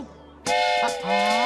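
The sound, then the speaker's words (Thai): A loud, sustained train whistle cuts in abruptly after a brief quiet moment and holds its bright, multi-toned blast to the end, with a faint voice rising underneath near the close. “นี่ครับรถไฟ”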